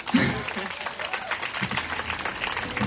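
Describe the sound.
A crowd applauds steadily, a dense wash of many hands clapping at an even level throughout, with a few voices mixed in beneath.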